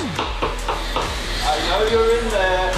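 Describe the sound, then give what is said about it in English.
A door being opened: a quick series of sharp clicks and rattles, like a latch or lock being worked, followed by a rising, squeaky creak as it swings. “Opening the door.”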